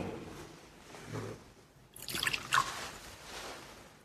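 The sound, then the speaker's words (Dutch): A small splash of water is poured into wine in a chalice during a church liturgy, a brief liquid trickle and drip lasting about a second, in a quiet, reverberant space. “Water en wijn worden één, gij deelt ons mens zijn en neemt ons op in uw goddelijk leven.”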